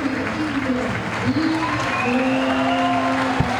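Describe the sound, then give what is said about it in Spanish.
A large football stadium crowd applauds player Casi in a steady, dense wash of clapping, with voices calling and a few sustained shouts rising above the noise throughout. “Buenos aplausos para Casi.”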